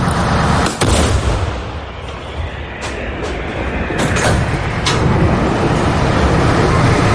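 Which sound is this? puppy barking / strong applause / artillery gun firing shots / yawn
artillery gun firing shots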